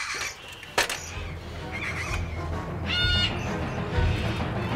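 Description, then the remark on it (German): A bird near a nest box gives a short, raspy call partway through, with a few fainter chirps around it, over a low outdoor rumble and a sharp knock near the start. “Noch ist kein Vogel zurück im Nistkasten.”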